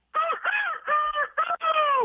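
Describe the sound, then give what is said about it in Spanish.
A rooster crows, a loud, harsh call broken into about five quick, strained syllables over roughly two seconds, with no one talking. “Ya se escucha veterano del gallo, ¿verdad?”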